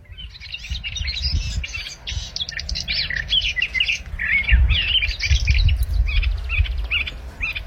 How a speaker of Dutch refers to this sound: die hoorde 's morgens vroeg in de Schorrelse duinen de tuinfluiter onafgebroken zingen.